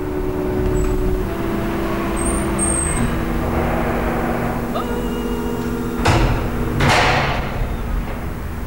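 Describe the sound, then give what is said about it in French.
A door is pushed open after an entry code is entered, at a child psychiatrist's practice in the 14th arrondissement of Paris, over a steady low mechanical hum, with two brief scraping, rushing bursts of sound near the end as it swings and settles, moderately loud. “Code d'entrée. Voilà. Et nous poussons la porte.”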